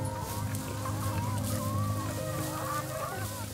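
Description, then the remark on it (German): Several chickens of a monastery estate cluck and cackle continuously on the meadows between a lake and the monastery in winter, their overlapping calls rising and falling against a steady low rumble, with no one speaking. “Sehr lebendig geht es dafür bei den Hühnern des Klosterguts zu. Die gackern das ganze Jahr über auf den Wiesen zwischen See und Kloster.”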